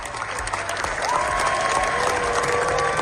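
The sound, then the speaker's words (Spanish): Sustained applause from a large crowd at the Cannes Film Festival, a standing ovation for Los Javis' film La Bola Negra lasting about 18 minutes: dense and steady with many hands clapping at once, swelling slightly louder after the first second, with a faint high tone running underneath. “La Bola Negra de los Javis ha recibido la segunda ovación más larga de la historia del festival.”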